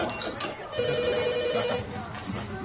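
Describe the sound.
A telephone rings with a steady electronic trill lasting about a second, heard at moderate volume over a noisy room with voices murmuring in the background.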